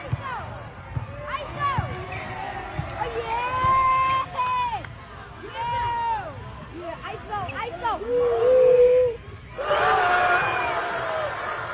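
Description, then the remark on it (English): A basketball gym crowd roars and cheers after a player drains a last-second three-pointer, with many excited voices shouting over each other as he is mobbed at midcourt, and a fresh loud surge of noise near the end. “All right, the crowd reaction, unbelievable. He's getting mobbed at midcourt”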